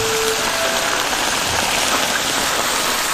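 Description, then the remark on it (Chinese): Steady, crackling sizzle of leaves wrapped around fish frying in a hot pan, a dense hiss with fine popping that holds at an even loudness throughout, with no voices. “接下来就要上火煎了。”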